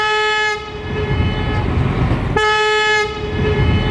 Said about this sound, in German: als im Bahnhof Allendorf-Eder die Lok ankam und sie zahlreiche Fotografen erblickte, ließ sie einmal das Horn erklingen und ganz besonders in der Aufnahme finde ich den Hall, der wieder zurückkommt. Wir hören nun die Pfeife der Lok.